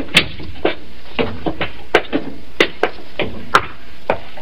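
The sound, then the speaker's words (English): A door knocks shut, followed by a steady series of hollow, woody footfalls climbing stairs, about a dozen moderately loud steps with no talking. “Close the door behind you, Colonel.”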